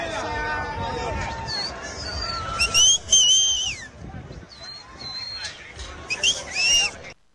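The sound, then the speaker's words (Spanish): An Ecuadorian football fan whistles a lively, cheerful tune in short bursts, clear, over a steady background of crowd chatter and bustle at the entrance to the stadium in New Jersey before the Ecuador–Australia match. “Ahí está silbando, ¿ah? Alegre, ya, muy bien.”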